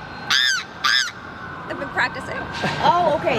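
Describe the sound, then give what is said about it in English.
A person does a loud, nasal honking bird call, two sharp honks in quick succession, followed by fainter, wavering vocal sounds near the end. “You got the bird call.”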